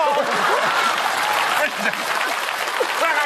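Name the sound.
audience applause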